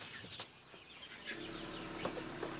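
Chickens cluck and chatter inside a coop on a meat-chicken farm, split into one section for chicks and one for grown chickens, with short overlapping calls over a steady low background hum. Occasional rustling and wing flutters come through, no talking.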